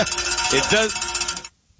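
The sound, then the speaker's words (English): A bell rings with a bright, sustained metallic tone for about a second and a half, a voice-like warble mixed in, before cutting off abruptly into silence. “Thank you for ringing the bell.”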